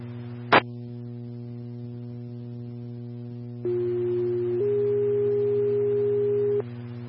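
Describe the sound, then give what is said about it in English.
Dispatch alert tones for Medi 10, for a medical transfer from Four Corners Urgent Care at 2930 East Main Street: after a sharp click, a steady mid-pitched tone sounds for about a second, then shifts to a slightly higher tone held for two seconds, all over a constant low electrical hum. “Medi 10, Tones for Medical Transfer for Four Corners Urgent Care, 2930 East Main Street.”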